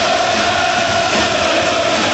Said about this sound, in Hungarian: Most direkt nem szólaltam meg, hogy halljuk a közönséget.